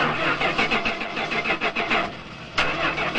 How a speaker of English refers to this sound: Oh, this is so frustrating. That's the fifth time this car refused to start. I think it's finally time to replace it.